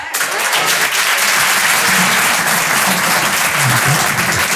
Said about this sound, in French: Est-ce qu'il y a des parents par applaudissement ?